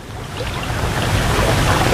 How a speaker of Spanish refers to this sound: Ningún sonido. Solo el murmullo del agua.